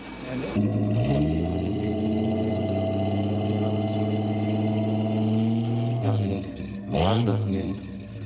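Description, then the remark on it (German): A car with an inline six-cylinder engine cranks and catches, then settles into a loud, steady idle. It is revved twice near the end, the pitch climbing and falling. “Soll ich mal anmachen? Was für eine Frage, ja.”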